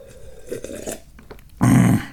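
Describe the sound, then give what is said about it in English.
Mouth sounds of someone sipping hot tea, with soft wet slurps followed by a louder, fuller gulp as it is swallowed; no talking. “And while you're thinking, I'm going to take a sip of tea. I am drinking hot tea today.”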